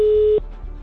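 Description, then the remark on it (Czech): A single steady telephone ringing tone sounds for a moment, then cuts off into quiet line hiss as the call waits to be answered. It is an outgoing call that the Rádio Blaník hosts dialed to a listener who had sent in a receipt by text message. “A uslyšíme, my teda hlavně uslyšíme, jestli to na druhé straně někdo vezme.”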